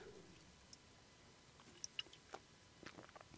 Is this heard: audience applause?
no